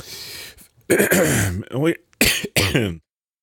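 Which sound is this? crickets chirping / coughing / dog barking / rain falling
coughing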